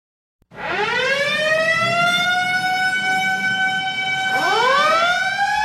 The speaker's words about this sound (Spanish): Nada toma tu atención cuando escuchas el sonido de una sirena, pero dos cosas son ciertas: que alguien necesita ayuda y alguien está apresurado para brindarlo.